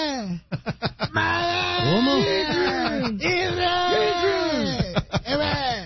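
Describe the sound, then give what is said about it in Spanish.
A voice mimics a boxer's yell from a film with a string of strained, warbling shouts that rise and fall, loud, broken by short choppy bursts at the start and end. “¿Y cómo gritaba? Rocky Balboa. ¿Cómo gritaba? Y gritaba.”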